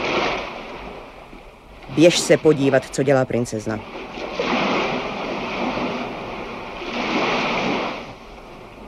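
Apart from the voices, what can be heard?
roaring sea waves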